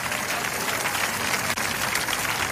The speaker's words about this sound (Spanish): Alábalo si puede. Cuando aplauda, diga, el aplauso es para ti, Jesucristo.